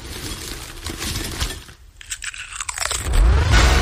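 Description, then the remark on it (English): Crisp, crackling crunches of potato chips come in dense, irregular bursts, briefly thinning out midway before picking up again, with a loud low rumble swelling underneath at the end. “We just gotta go refill the chip bowl.”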